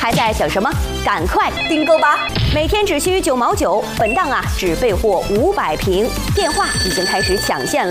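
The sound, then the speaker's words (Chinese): Telephones ring in steady, high-pitched bursts as order lines fill up during a TV shopping advertisement for imported deep-sea fish oil, beneath a fast, energetic voice that talks continuously throughout, with the ringing clearest near the start and again toward the end. “电话已经开始抢线了，库存正在骤降”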